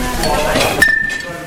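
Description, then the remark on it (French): A sharp metallic clink of cutlery rings out near the middle, with a bright lingering tone, while a person talks and soft kitchen clatter continues. “Là les couverts ils sont là.”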